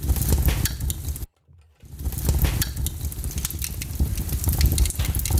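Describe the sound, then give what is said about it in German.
A crackling fireplace fire pops and snaps steadily, with a dense hiss underneath, briefly cutting out for about half a second before the crackling resumes. “Wie oft wollen wir das Kaminfeuer noch hören?”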